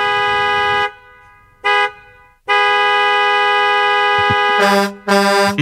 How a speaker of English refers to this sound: Thought it was a crazy neighbor. And it was just this guy sitting on the horn.